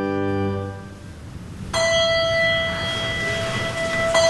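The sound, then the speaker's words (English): A bell chimes to start a service in a small chapel off to the side of a church's main hall. Its bright struck tone hangs with long, shimmering overtones after a low droning background, steady over ambient noise. “A bell chimes to start a service in a small chapel off to the side.”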